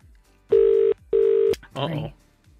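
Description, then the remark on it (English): Two steady electronic ringback tones, each about half a second long, sound in quick succession on an outgoing phone call, followed by a brief burst of speech. “Your phone's ringing right now.”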